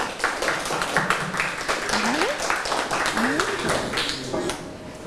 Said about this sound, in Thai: เอาละค่ะนักเรียนคะขอเชิญตัวแทนกลุ่มที่4ออกมานำเสนอได้เลยค่ะปรบมือให้เพื่อนค่ะ